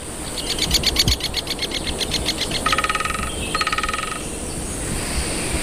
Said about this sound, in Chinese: 大斑啄木鸟非常善于啄凿这些高耸的松树。